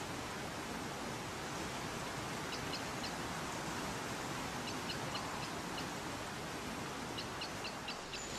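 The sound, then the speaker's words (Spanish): A river roars down a series of consecutive waterfalls, some dropping up to 100 metres vertically, at the bottom of a canyon in a park, in a steady, dense rush of water that never lets up, with a few short bursts of high bird chirps cutting through the noise. “A su lado, el río se precipita en varias cascadas consecutivas que en ocasiones alcanzan los 100 metros de caída vertical.”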